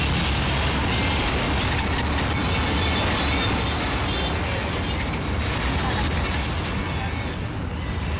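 Dense, steady roar of street traffic with low engine rumble from buses and cars passing, continuous throughout, with faint indistinct voices mixed into the noise.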